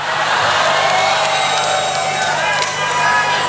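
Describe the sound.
A large concert crowd shouts and cheers in a loud, sustained roar that holds steady from start to finish, many voices blending into one continuous wall of noise.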